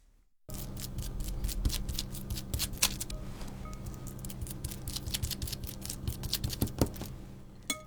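Continuous crinkling and soft squishing as one of four portions of mashed soybean is spread across thin plastic food wrap into a circle about 8 cm in diameter, for coating glutinous rice cakes, with irregular little rustles and taps throughout and no talking.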